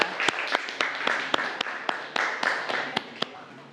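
A group of students claps for their classmates in a steady burst of applause, with a few sharp, louder individual claps standing out above the dense patter. Some faint voices murmur underneath.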